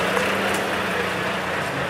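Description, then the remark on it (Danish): A large blue block-shaped vehicle that resembles a truck but has no wheels rumbles past, with a steady low engine hum and broad road noise holding at a constant loudness throughout, with no talking. “Det ligner en lastbil, men den har ikke nogen hjul.”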